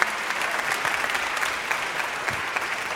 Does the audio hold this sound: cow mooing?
no